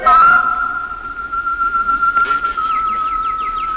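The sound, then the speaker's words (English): Birds in an aviary sing over a steady, high whistling note, with a quick series of bright, descending chirps repeating toward the end. No one speaks. “I went into the aviary as she suggested, and I listened to the birds.”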